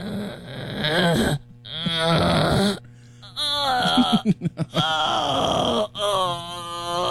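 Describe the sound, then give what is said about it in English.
A person imitates a rhinoceros with drawn-out groaning, moaning wails that rise and fall in pitch, broken by short pauses and a quick burst of choppy grunts midway. “Number two is a rhino.”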